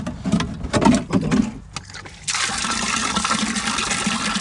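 Rainwater, collected in a cistern and brought into a barrel in the garden, sloshes and splashes as it is scooped from the barrel, then a steady rushing pour fills a watering can for the last couple of seconds. No talking.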